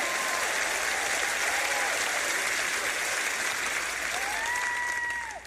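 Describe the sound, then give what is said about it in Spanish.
A large crowd applauds steadily with dense, sustained clapping, mixed with cheering and a few rising and falling whistles or shouts, holding loud throughout before easing slightly at the end. “Ahora pueden aplaudir y hacer ruido.”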